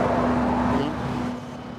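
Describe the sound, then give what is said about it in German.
Steady road traffic noise passing a construction site, a broad continuous rumble with a vehicle passing by, fading slightly toward the end. No voices. “Mickey-Mäuse auf den Ohren, die Verkehrsgeräusche schlucken jedes Wort.”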